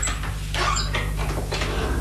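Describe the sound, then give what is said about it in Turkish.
An unlocked house door creaks open in a few short, scraping squeaks over a steady low hum, with no one speaking. “Yani kapının açık olduğunu mu söylemek istiyorsun? Pekala, bir deneyelim bakalım.”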